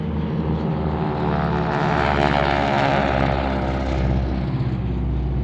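A propeller airplane drones steadily, its engine a loud, continuous rumble with a rhythmic throbbing buzz from the spinning blades throughout; the first airplane to land at Bromma airport.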